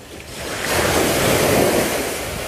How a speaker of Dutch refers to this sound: De Plastic Man neemt ons mee naar de baai van Han. De zon schijnt fel, het water is helderblauw en het strand is wit. We lopen door de branding